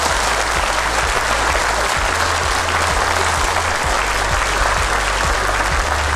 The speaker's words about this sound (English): But I'm going to give you another round of applause for taking part. I reckon everybody deserves a round of applause too, so take a bow.